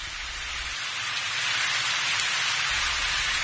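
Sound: heavy rain falling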